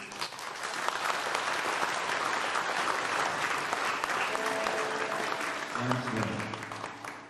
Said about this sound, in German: Ein Applaus muss nicht gespart werden. Viel Spaß mit dem Bluesprojekt aus Tessa.